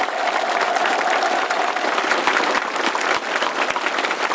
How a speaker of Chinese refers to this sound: 习近平和金正恩对演员们的精彩表演频频鼓掌致意。